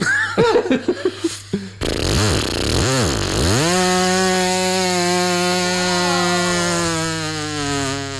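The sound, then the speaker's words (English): A person's voice mimics a weed whacker: a few sputtering revs, swooping pitch bends, then a steady, loud, buzzing motor drone held for several seconds. “That's my weed whacker noise.”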